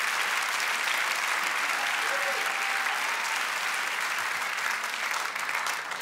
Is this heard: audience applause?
yes